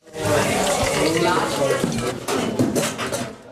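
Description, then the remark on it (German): Steady sizzling of schnitzel frying in a pan, not a deep fryer, fills the busy kitchen of the Gasthaus Apfelbaum, with dishes and utensils clattering and indistinct voices murmuring underneath. “Die Spätzle sind handgeschabt, das Schnitzel kommt in die Pfanne, nicht in die Fritteuse.”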